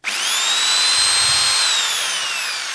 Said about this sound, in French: Avec une perceuse.